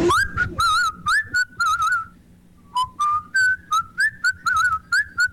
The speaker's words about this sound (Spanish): Andas a todo dar, eres un gran silbador, me dejaste con la boca abierta. No me lo esperé.